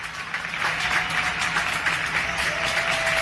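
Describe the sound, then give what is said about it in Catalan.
Steady, dense applause from many people clapping at once, a continuous crackling wash of hand claps as citizens come out each evening to their windows and balconies to thank health workers, with a faint sustained tone underneath and no voices. “Amb aquests aplaudiments, ara fa 6 anys, la ciutadania sortia cada vespre a la finestra, al balcó de casa, a donar les gràcies als sanitaris que ens estaven cuidant a totes i a tots, que feien tot el que podien per salvar vides”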